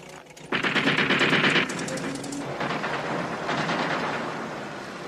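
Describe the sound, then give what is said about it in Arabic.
Loud, rapid bursts of automatic gunfire crackle almost without pause, starting abruptly and rattling on in dense volleys, easing slightly in loudness partway through but never stopping. “ربما رصاصات انذار سيدي.”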